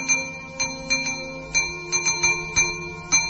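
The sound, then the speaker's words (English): A San Francisco cable car's trolley bell clangs in a quick, irregular rhythm, about nine bright metallic strikes with a ringing tone sustaining between them, moderately loud, with no voices. “He's a trolley bell on a cable car.”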